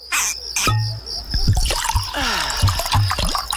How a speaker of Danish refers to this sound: Gå på opdagelse i 4 km underjordiske gang med grotter så store som domkirker og rislende vandløb og underjordiske søer.